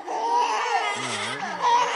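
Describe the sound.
A voice makes exaggerated mock sobbing, a wavering, whiny wail that rises and dips for about two seconds, loud, imitating a crying baby.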